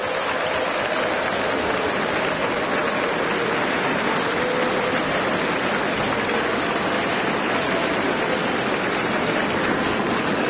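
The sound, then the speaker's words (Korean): A large audience at a Far East Broadcasting Company (FEBC) gathering applauds steadily for about ten seconds to encourage their fellow co-workers in faith, a dense, even wash of many hands clapping at once with no voices rising above it. “다시 한번 양옆에 계신 우리 믿음의 동역자들에게 격려의 박수를 보내주시기 바라겠습니다.”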